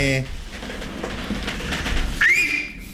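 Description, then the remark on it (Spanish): A loud, piercing human whistle on the Radio Latina 93.7 broadcast swoops upward and holds its pitch for under a second near the end, after a stretch of rough, breathy noise and a brief voice at the start. “Mirá qué manera de chiflar.”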